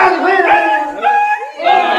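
A dog vocalizes loudly, with drawn-out, wavering cries that rise and fall, in two or three long bursts with brief dips between them and no talking.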